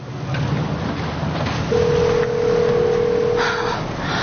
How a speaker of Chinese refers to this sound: 那电话是拿来当砖头用的吗？端，你能不能接个电话？